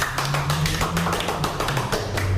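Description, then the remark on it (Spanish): A crowd of people applauding in a church, clapping together in a steady, dense patter of many overlapping claps, fairly loud and continuous, with a low droning hum underneath and no talking. “Aplaudamos todos, por favor, estamos en nuestro templo sagrado.”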